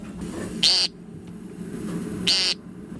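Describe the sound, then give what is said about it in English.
Two short, buzzy, nasal calls of an American woodcock, spaced about one and a half seconds apart and standing out clearly over a low, steady background rumble. “The American woodcock.”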